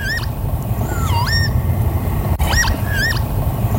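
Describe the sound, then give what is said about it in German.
A northern lapwing, the Bird of the Year 2024, calls several times with wheezy swooping whistles that dip and rise over a steady low outdoor rumble. “2024 war es der Kiebitz.”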